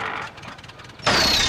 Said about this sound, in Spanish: Espero que hoy sí puedas arrancar este viejo tractor, amor.